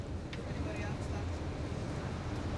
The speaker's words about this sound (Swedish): Yle 100-bussen har faktiskt lämnat Grankulla. Vi är på väg mot Esbo. Vi är här i bussen,